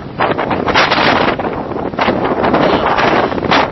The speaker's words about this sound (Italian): Qua c'è moltissimo vento.